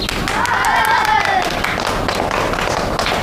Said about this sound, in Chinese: 哎，同学们，这是国军第五军的洪中校，也是我们国家的抗日英雄，我们用掌声欢迎他。